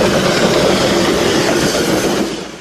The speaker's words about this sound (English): Let's get on this train. Just saying it. Let's wait for that conductor to call us on. Choo-choo. All aboard. Oh, we're getting on.